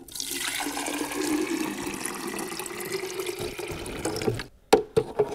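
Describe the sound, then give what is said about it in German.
Water pours steadily into the water tank of a coffee machine, about the size of a filter coffee maker and with a bean compartment, for about four seconds, a continuous splashing rush, then stops, followed by a few light plastic clicks and knocks. “Hat einen Wassertank. Da muss man jetzt mal eben ein bisschen Wasser reintun.”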